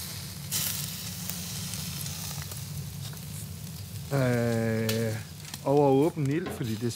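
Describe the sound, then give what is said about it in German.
Steady sizzling of local ingredients cooking over an open fire on a Danish island (salmon from the fjord, pointed cabbage with wild garlic, and Livø cattle beef), a constant crackly hiss that runs throughout, with a voice briefly sounding over it in two short bursts near the end. “Auf das Feuer kommen heute ausschließlich lokale Zutaten.”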